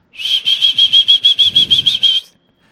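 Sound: someone whistling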